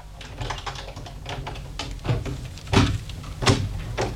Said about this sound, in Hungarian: Fordítsátok meg a kulcsot a zárban, és az ajtó kinyílik.